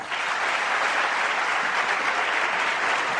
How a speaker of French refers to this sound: Veuillez s'il vous plaît l'applaudir.